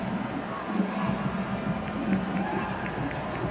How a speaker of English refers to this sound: You hear the boos of disapproval coming from the crowd.